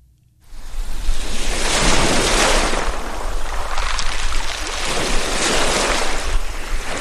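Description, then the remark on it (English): Lake Ontario waves wash up onto the shore at Mexico Point State Park on a morning and draw back in repeated swells, a steady rush of water with a light wind-like hiss and no voices. “Lake Ontario's waves push briefly ashore, then pull back, a rhythm as old as the earth itself.”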